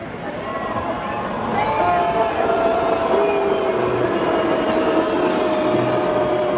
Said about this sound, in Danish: Det vi hører her, det er lyden fra publikum, da der på storskærmen kørte en tekst